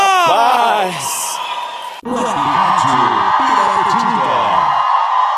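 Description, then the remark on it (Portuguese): A crowd shouting loudly after being told to give a shout: a single rising yell opens, then after a brief dip many voices cry out together in a dense, overlapping roar that holds steady until it cuts off. “feliz, dá um grito!”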